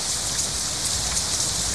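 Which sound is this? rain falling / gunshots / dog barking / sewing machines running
rain falling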